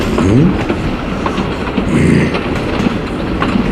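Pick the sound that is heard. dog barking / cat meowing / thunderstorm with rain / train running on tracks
train running on tracks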